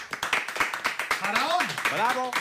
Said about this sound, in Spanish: o seu autor é Paco Merchán, que recibimos con forte aplauso